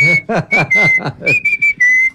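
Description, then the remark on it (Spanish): A grandfather whistles a slow bolero melody, clear sustained notes sliding gently between pitches, with a low murmur of voices beneath during the first half. “Pero espere, o sea, todo bien que el abuelo silbe boleros, pero qué pereza no tener que esperar hasta que silbe todo el bolero.”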